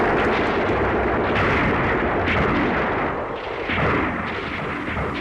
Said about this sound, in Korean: 적탄이 쾅 날아와 눈판에 검은 흙덩이들을 뿌리고 바위들을 날렸다.